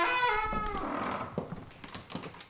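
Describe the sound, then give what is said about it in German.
A large palace door, a special door meant for the king alone, creaks open with a long, drawn-out groan that slides downward in pitch, followed by soft knocks and shuffling as it settles, in a reverberant space. “Er kommt von seiner Kammer durch die Kapelle, durch diesen langen Flur bis zu einer Spezialtür, die ganz allein für ihn gedacht ist. Die öffne ich jetzt.”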